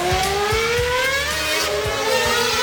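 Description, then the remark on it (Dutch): A car engine revs hard and climbs steadily in pitch as it speeds up, loud, with a continuous roaring whine and no voices. “Een snelheidsduivel op de A15, 246 km per uur. Bizar hard.”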